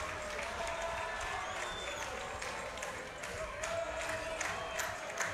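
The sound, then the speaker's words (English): A large baseball crowd at a Racers game in the bottom of the seventh inning cheers and roars steadily, a dense wash of voices with scattered claps and shouts rising here and there throughout. “Listen to this crowd.”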